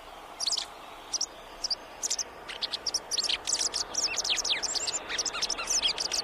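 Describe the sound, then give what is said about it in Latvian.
A white wagtail twitters and calls, sparse sharp high chirps at first, then a busy run of quick overlapping notes over a soft outdoor hiss, with no voices. “Tā kā, ja šitāds putnēlis kaut kur tur, teiksim, uz jumta malas sēž un vidžina un brīžiem saka cizit, tad, nu, ja jūs nevarat saredzēt, tad klausieties, visticamāk, tā ir Baltā cielava.”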